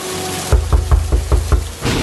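A series of about six firm knocks on the wooden door of a country house, evenly spaced, over a steady rushing background of torrential rain.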